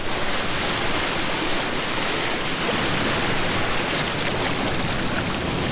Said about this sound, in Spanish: Playa, brisa, mar. Escuchen esto. Suena delicioso, ¿eh? Las olas del mar de San Andrés, ¿no?